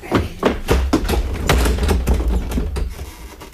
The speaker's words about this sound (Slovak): Musíme vyvaliť dvere. Raz, dva, tri.